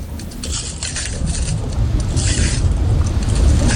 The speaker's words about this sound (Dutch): We lopen over een oude lavastroom. Die is al hard geworden en als we er overheen lopen, dan breekt die af. En dat geeft een knisperend geluid, het afbreken van die lava. Het klinkt een beetje als het breken van glas.